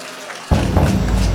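After a brief hush, audience applause for a band on the Monte Carlo Nights radio show, live from Perugia, bursts in abruptly and holds steady: a dense, loud wash of many hands clapping through to the end, with no voices.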